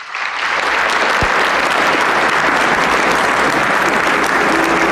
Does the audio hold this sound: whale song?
no